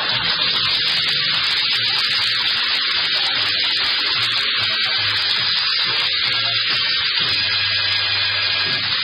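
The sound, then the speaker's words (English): A steady, loud hiss of hot water pouring from a tap for washing a pile of dishes, running continuously for several seconds with a slightly rough, splashing texture and no voices. “Would you turn on the hot water”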